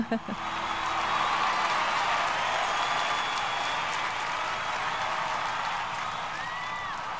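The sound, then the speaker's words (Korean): A large crowd cheers and applauds at a live concert, a steady, loud roar of voices and clapping that holds for several seconds, with a few shrill whistles rising near the end. “라이브 버전이라 와, 함성이 대단하네요.”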